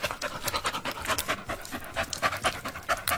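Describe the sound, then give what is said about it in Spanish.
A dog panting rapidly and steadily, with quick breathy huffs repeating throughout, fairly soft but clear, with no voices. “No, pero y luego había otro donde el perro había caminado, creo que es un perro.”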